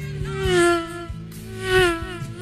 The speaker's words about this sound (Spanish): Se le ocurre pasar otra moto. No, para que viene otra, para.